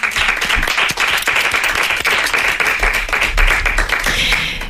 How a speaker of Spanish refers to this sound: Un aplauso para Fran Perea.